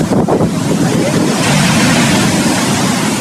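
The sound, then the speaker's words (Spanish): Loud, steady ocean surf washing against the shore of the Peruvian coast at dawn, a continuous roar of breaking waves with a gusty, wind-blown texture and no voices. “El amanecer significa el reencuentro de un sol luminoso con nuestro inmenso mar.”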